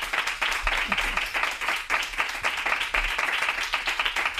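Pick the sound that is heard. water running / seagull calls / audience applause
audience applause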